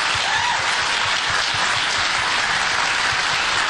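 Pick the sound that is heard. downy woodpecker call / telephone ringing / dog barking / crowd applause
crowd applause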